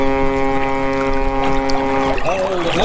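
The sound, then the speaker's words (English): A loud boat sound effect: a deep, steady horn-like blast holds for about two seconds, then gives way to sloshing, swirling water noise near the end. “It's a big boat.”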